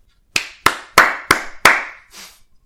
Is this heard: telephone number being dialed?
no